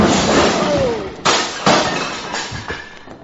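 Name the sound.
man crashing into bar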